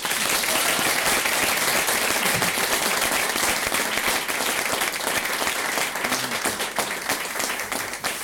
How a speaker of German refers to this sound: Einen riesengroßen Applaus für die Basquel, bitte.